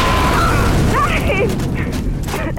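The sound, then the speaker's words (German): A loud, sustained roar of low rumbling noise from a mine explosion, with faint whistling and ringing tones drifting over it, continuing steadily throughout with no talking. “Als Duck den Ort der Explosion erreichte, hatte sich der Rauch verzogen.”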